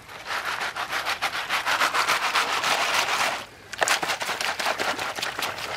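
Rapid, rhythmic rattling and sloshing as sand, gravel and crushed stone are shaken in a sieve held in water above a pan, a steady gritty churn with a brief pause partway through before it resumes.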